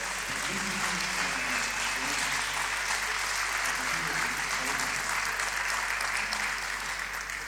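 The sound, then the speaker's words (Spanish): Sustained applause from a crowd thanking their priest, a dense, steady wash of clapping that holds at an even loudness throughout, with faint voices mixed underneath. “¡Fuerte el aplauso!”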